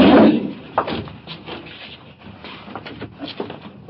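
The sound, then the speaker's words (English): A door thuds shut with a heavy impact, followed by a few faint clicks and rattles as it settles against a quiet background. “Shut the door back on.”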